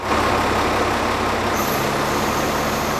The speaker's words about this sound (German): Ein tarnfarbener Militär-LKW fährt in eine der Hallen.